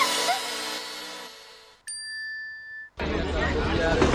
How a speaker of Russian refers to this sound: Шум толпа и суета.